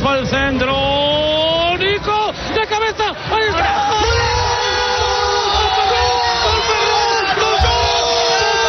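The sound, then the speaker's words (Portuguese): Loud, sustained cheering and excited shouting from several voices, with long rising whoops and yells over a constant roar of jubilant noise, energetic throughout, in a Spanish national radio studio celebrating Spain's 1-0 victory over Argentina in the final in New Jersey. “Ato de … e a celebração em plena Rádio Nacional de Espanha”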